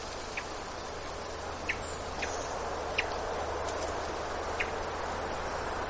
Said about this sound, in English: It's like a call note. I'm actually watching the bird. This is a thrush. It's a hermit thrush. It makes this wonderful chirp sound.